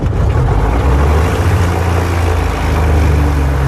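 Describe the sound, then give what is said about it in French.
A piston aircraft engine runs loud, a steady, rumbling drone with a deep throbbing hum that holds evenly throughout, with no voices, as it restarts after its seemingly flooded engine had all 12 spark plugs removed and cleaned. “Le moteur semble noyé. Et au bout de 2 heures, la délivrance.”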